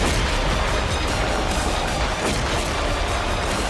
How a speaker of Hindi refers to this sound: तोप में गोला फिट करने के बाद ये अपने आप लोड हो जाता है और फिर एक जवान तोप में लगी स्क्रीन पर टारगेट को फिक्स करता है, इसके बाद ये तोप अपने आप तेजी से गोला फायर करती है।